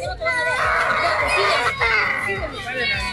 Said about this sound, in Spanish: Bueno, se sienten gritos, se siente de todo. Pues, ¿cómo le parece? Le hablo de regalos y rechazos. Y de pataletas algunas, es que cómo le parece que en Perú una señora estaba regalando muñecas, estaba dando detallitos a los niños.